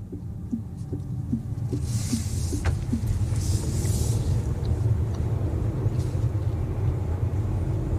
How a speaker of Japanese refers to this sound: 今ですね、車は八ヶ岳高原ラインという道に入りました。昨日までのね、今朝だね、今朝までの雨がありましたから、道はまだ濡れてますが、安定してます、車は。